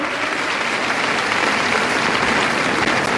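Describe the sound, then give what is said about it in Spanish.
Loud, sustained applause from a crowd of about 12,000 women gathered to applaud God, a dense wash of many hands clapping steadily throughout with no pauses and no voices standing out. “Eso se merece un aplauso a nuestro Dios victorioso.”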